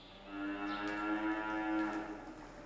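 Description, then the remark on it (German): A dairy cow on a farm moos in one long, drawn-out, steady call lasting a couple of seconds. The call is clear, with a faint outdoor background and no talking. “aber die Kühe brauchen halt den Rhythmus und man muss sie ungefähr in 12 Stunden Abständen melken.”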